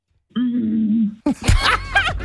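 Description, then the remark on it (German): A voice imitates how a T-Rex may have sounded: a deep, bassy, sustained low droning hum lasting about a second, followed immediately by a burst of raspy laughter. “hat nämlich mal ganz kurz auch gezeigt, wie der T-Rex wohl geklungen haben soll.”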